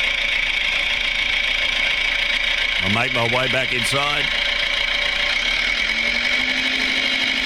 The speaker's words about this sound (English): There he goes on the little red tractor.